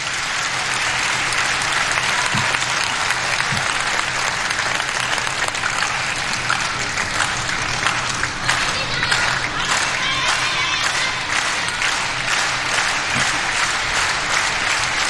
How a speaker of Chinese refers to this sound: 现场的观众还是很懂球的啊，知道这个时候来到了第三局关键的比分段，也通过密集的快节奏的掌声来烘托氛围。